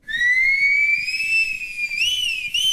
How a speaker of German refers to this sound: Haben Sie heute schon gepfiffen? Vielleicht eine kleine Melodie im Auto oder um die Aufmerksamkeit Ihres Hundes zu bekommen?